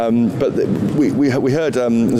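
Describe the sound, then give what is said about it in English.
A pigeon attacking a camera coos loudly right up close, its low throaty warbles rolling continuously for a couple of seconds with a steady rise and fall. “But there's a bird attacking our camera there, but it's gone away.”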